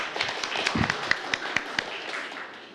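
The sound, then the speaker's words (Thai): Scattered, uneven clapping from a group of students in a science class, applauding classmates from group 4 after their answer: a handful of sharp individual claps over a soft background murmur, never building into full applause. “ครับผมปรบมือเพื่อนด้วยครับนักเรียน”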